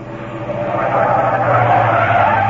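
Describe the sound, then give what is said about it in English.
A taxi brakes hard, its tires skidding in a loud, sustained screech that swells slightly and holds steady for a couple of seconds, with engine rumble underneath and no voices. “Stop the car! Stop this car at once!”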